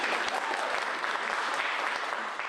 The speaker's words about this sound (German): Nein, die verdienen die Applaus, die Tänzer.